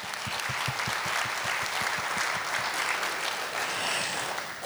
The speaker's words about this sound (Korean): 코로나19 긴 팬데믹 상황에서도 봄꽃처럼 이렇게 화사하게 따스한 온기를 안고 와주신 여러분께 진정한 감사의 박수를 올리고 싶습니다. 박수 부탁드립니다.